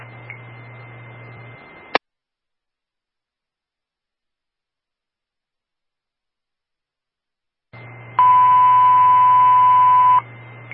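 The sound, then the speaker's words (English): Waltham Fire Department dispatch alert tones for a firebox 521 central station alarm at 293 Grove Street, first floor smoke, come over a hissing radio channel: a click, a stretch of silence, then static returns and a loud, steady electronic tone holds for about two seconds. “Waltham Fire broadcasting an alarm of firebox.”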